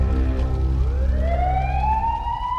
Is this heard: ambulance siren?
yes